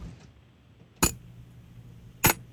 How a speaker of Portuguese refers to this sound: Eu acho que é fechando um tupperware de vidro, um pote de vidro.